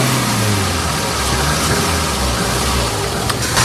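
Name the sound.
car engine accelerating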